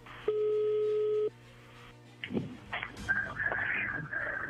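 A single steady electronic ring tone over a phone line lasts about a second, then stops; clicks and rustling follow as the call is picked up, with a faint hum throughout.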